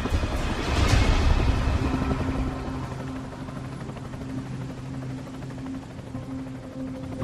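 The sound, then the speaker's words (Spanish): A helicopter's engine whines steadily over the deep, continuous churn of its rotor, loud, swelling briefly at the start before settling into a constant drone, as it strains to lift a hooked capsule too heavy to raise and its engine overheats. No voices. “El motor del helicóptero se sobrecalentó, así que al final tuvieron que soltarla y dejar que se hundiera.”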